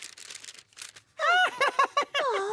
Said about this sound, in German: Man kann einfach ein Stück Papier bemalen und dann kann man es falten und macht einen Papierflieger daraus.